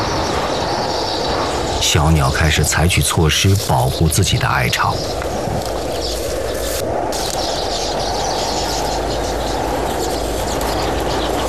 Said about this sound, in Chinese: 今天呼啸而过的狂风比往常更加猛烈，鸟巢在风中摇曳着，辛辛苦苦几十天才建成的房子面临被摧毁的危险。